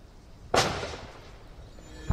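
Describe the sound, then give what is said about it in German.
Two sharp gunshots with no voices, fired by SEK special police officers at a suspect in an allotment garden colony in Berlin-Spandau, Germany, in the evening: a loud crack with a short ringing tail, then about one and a half seconds of quiet before a second shot cuts in right at the end. “SEK-Beamte schießen Türen auf, geben mehrere Schüsse auf Abdul B. ab.”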